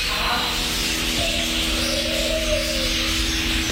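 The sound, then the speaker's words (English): Birds chirp and call in the Canberra Walk-in Aviary at Gold Creek Village, Nicholls, a 1,000-square-metre sanctuary with 60 bird species: a dense, steady chorus of overlapping twitters with a softer cooing note drifting through, no voices present. “Film feed or just lose yourself amongst the 60 species of birds in their 1,000 square metres of sanctuary.”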